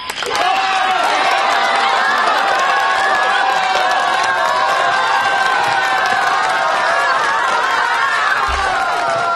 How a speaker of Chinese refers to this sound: 欢迎参加紫云英音乐会，同学们、老师们、父老乡亲们，让我们用最热烈的掌声和欢呼，欢迎我们的紫云英合唱团走进盛开的花田。